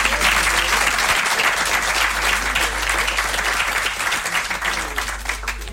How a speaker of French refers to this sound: Bravo à vous toutes et tous qui êtes passés sur le grill. Vous pouvez vous applaudir parce que c'est pas facile.